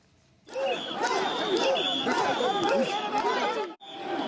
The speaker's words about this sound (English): A Tokyo festival is heralding the arrival of summer. Crowds gathered to see portable shrines known as mikoshi as part of Sanja Matsuri.